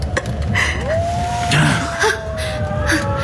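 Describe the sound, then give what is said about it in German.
A single long wolf howl near a house rises quickly, then holds a steady, mournful tone that slowly sinks in pitch, sounding over a constant rushing, hissing background. “Ein Wolf? Merkwürdig. So nah beim Haus. Hört sich nach einem gewaltigen Tier an.”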